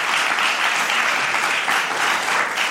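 Steady applause from a studio audience, a dense, even patter of many hands clapping at a fairly loud, constant level throughout, with no voices standing out.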